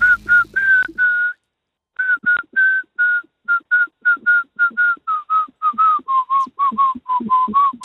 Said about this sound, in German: Kannst du Melodien pfeifen mit mehreren Tönen als einem? Ja, schon. Dann kannst du das … mal pfeifen?